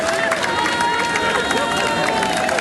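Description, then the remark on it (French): A dense crowd of young people in the streets in France roars and claps continuously, applauding police officers and gendarmes to thank them; a steady loud wash of cheering and applause with overlapping voices and whistles throughout. “Une jeunesse sans violence, sans débordement, qui applaudit dans les rues avec les plus grands, les policiers, les gendarmes, en leur disant tout simplement merci.”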